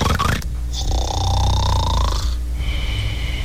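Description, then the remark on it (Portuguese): A man imitates snoring with his voice: a quick rough start, then a long wheezy, whistling snore and a shorter second one. It is fairly loud, with no words spoken. “Tava roncando, né, amigão?”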